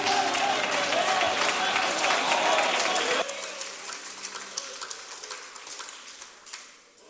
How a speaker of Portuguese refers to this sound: vamos fazê-lo com um aplauso bem forte para Jesus.